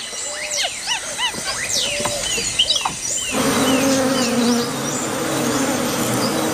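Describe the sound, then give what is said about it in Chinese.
Scattered bird chirps and whistles give way midway to a loud, steady droning of bees buzzing around a small water puddle on the ground in hot weather, where white-faced capuchin monkeys come to drink, their hum wavering in pitch as they hover. No one speaks. “蜜蜂比他们来得更早。”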